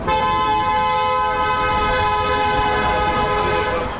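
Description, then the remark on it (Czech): A loud, sustained car horn blares continuously for several seconds, steady, with traffic rumble underneath and no voices, as passing cars honk at a procession walking in one lane through Pohořelice. “Průvod jde přes Pohořelice v jednom místním pruhu, projíždějící auta troubí, těžko říct, jestli na znamení podpory nebo naopak protestu.”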